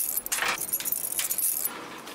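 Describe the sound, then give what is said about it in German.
A bunch of keys jangles in several quick, bright metallic bursts while unlocking a door of a double-secured tiger enclosure, where each door has at least two locks. The clinking is fairly loud, with no talking. “Und jede Tür muss mit mindestens 2 Schlössern an 2 Punkten gesichert sein.”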